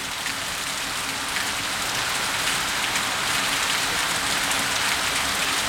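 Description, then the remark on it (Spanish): Steady, heavy rain pours down at night in Valparaíso during a storm, a dense, continuous hiss with constant patter on surfaces, loud and unbroken throughout, with a faint low hum underneath and no voices. “A esta hora llueve bastante fuerte en Valparaíso. Escuchemos los micrófonos ambientales de Bío Bío.”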